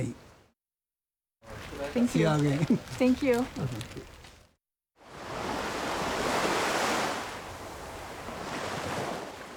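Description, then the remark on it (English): Broad, steady rush of ocean waves with wind blowing across the sea, swelling and easing over several seconds, following a brief stretch of someone speaking. “The sea here, according to documents in the U.S. National Archives, is likely the resting place of the executed Americans.”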